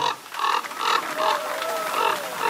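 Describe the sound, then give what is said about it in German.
Common raven calling in a run of about five harsh, raspy croaks spaced roughly half a second apart, with a thin wavering whistle-like tone faintly running beneath them. “Der Wiener ist... Der Kolkrabe.”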